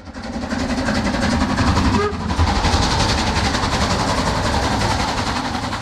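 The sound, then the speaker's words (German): A steam locomotive train rolls along the rails, loud, with a steady rhythmic chugging over a deep continuous rumble and hiss throughout, running from Prague to Cheb and on as passenger train number 3717 to the border town of Asch. “Der Zug mit der Dampflok fuhr zunächst von Prag nach Cheb und dann als Personenzug Nummer 3717 weiter in die Grenzstadt Asch.”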